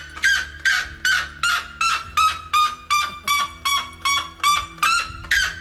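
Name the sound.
extremely loud bird call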